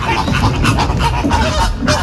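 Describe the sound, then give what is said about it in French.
A dense chorus of pink flamingos honking and gabbling nonstop at the entrance of the Parc des Oiseaux in the Ain department, many overlapping nasal calls from a large flock, loud and busy with no pauses. “Le sprint massif n'aura pas troublé la quiétude des flamants roses tranquillement installés à l'entrée du parc des oiseaux.”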